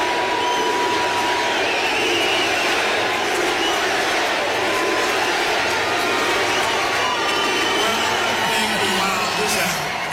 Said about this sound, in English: He's walking up to the microphone now. Getting a USA chant.